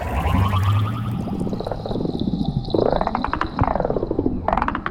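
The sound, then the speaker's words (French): A seahorse's rapid clicking, the pulses blurring into warbling chirps that swoop up and down in pitch, repeating steadily and loudly with no voices. “J'ai l'impression que le clic-clic de cet hippocampe a changé. On dirait un appel de détresse.”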